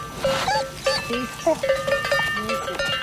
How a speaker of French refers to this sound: Après, j'en ai 600. Donc, il y a une relation avec le troupeau que j'essaye de mettre un peu à ma main l'été. Et avec les brebis, mais certaines brebis, quoi, pas toutes.